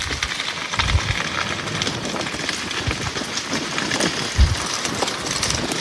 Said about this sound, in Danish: Og det er desværre ikke lyden af en åben kamin i et sommerhus på en dejlig, kølig regnværsdag et sted ved vestkysten. Nej, det er skovbunden i en region syd for Paris, hvor en naturbrand har spredt sig over 800 hektar